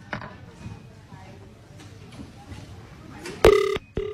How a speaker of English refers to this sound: Let's get on the phone and see who we're going to call